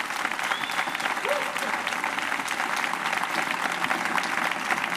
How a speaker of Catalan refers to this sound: I per favor, un aplaudiment en aquests dos musicassos, amics i companys.